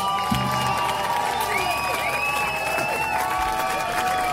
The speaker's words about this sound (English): they clapped. That was really great.